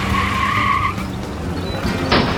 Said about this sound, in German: Gefolgt von Rolli und einem laut knatternden Rennwagen, der so schnell ist, dass Kasimir nur noch der stinkenden Abgaswolke hinterherblicken kann.